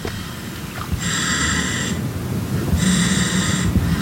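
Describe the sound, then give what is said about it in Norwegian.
Two long, hissing breaths through a diver's air mask and regulator, fed from oxygen tanks on his back, each about a second and fairly loud, over a low rumbling, bubbly background. No one speaks. “Han får hjelp til å løfte oksygenflaskene opp på ryggen og tar på seg masken med luft.”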